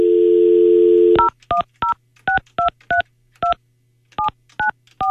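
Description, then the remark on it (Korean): A steady telephone dial tone stops and a quick run of about eleven keypad dialing beeps follows as a radio host dials a listener, whose line turns out to be busy; each short two-tone chirp is clear, in an uneven rhythm with brief pauses and no talking. “다른 분에게 바로 넘어가요. 고객이 통화 중이어서.”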